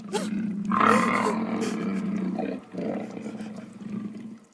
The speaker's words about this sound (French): Pour tomber sur le repère d'un lion féroce !